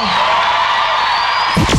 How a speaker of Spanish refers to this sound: ¡Otro aplauso más fuerte!